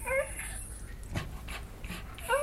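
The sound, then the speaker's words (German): A dog lying beside a woman pants in quick, breathy bursts, with short high-pitched whines at the start and end. No one speaks. “woher kennst du den Hund?”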